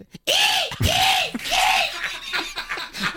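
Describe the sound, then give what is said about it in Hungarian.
A seagull gives three loud, high, arching cries in quick succession, each rising and falling in pitch, followed by a few fainter, scratchier squawks. “És akkor most jön a sirály.”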